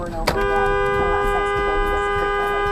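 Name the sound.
car horn honking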